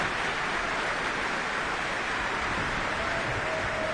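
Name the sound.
concert hall applause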